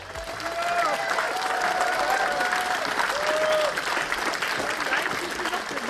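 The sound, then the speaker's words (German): Sustained applause from a crowd of over 400 at the Fischmarkt in Halberstadt under large BSW flags as Sahra Wagenknecht takes the stage at a state election rally, dense clapping with occasional whistles and cheers rising above it, steady and fairly loud throughout. “Unter großen BSW-Flaggen und Applaus betrat Sarah Wagenknecht die Bühne und richtete ihre Ziele für die Landtagswahl an die Halberstädter.”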